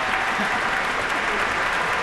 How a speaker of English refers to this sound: You've just heard the Rhapsody on the Theme of Paganini by Sergei Rachmaninoff, a performance by the Pittsburgh Symphony, music director Manfred Honeck, and the young man for whom the cheers you've just heard are for, Sung Jin Cho, the soloist.